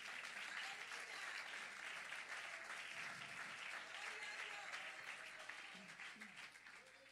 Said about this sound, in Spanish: Dele palmas de alabanza al Señor.